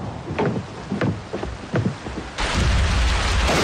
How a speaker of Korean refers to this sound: 번쩍이는 번개에 장대 같은 빗줄기가 멀리서도 똑똑히 보인다.